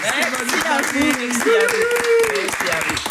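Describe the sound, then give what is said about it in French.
Steady applause from an audience, dense clapping for about three seconds, with voices calling out and talking over it. “On peut l'applaudir.”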